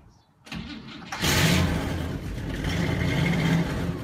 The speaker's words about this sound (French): Voilà, ça y est, eh bien, sans faire de publicité, la belge grosse Chevrolet est démarrée, son V8 ronronne comme un petit chat.